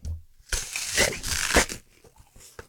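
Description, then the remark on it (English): A loud crunch of someone biting into a crisp Fizz apple, a wet crackling burst lasting about a second, followed by quieter chewing sounds. “If you appreciate a good apple crunch, then how does this rate?”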